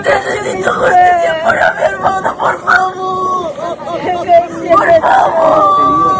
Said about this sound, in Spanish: Son los gritos de la desesperación. Entre lágrimas y lamentos, los familiares de las 5 personas acribilladas por militares en el distrito de Colcabamba, en Perú, claman por la justicia.